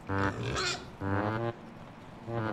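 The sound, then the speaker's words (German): A pig grunts in three short, tonal bursts with brief pauses between them while eating clover, fairly loud and with no voices present. “Also von daher muss man immer mal wieder nach dem Schweinchen gucken.”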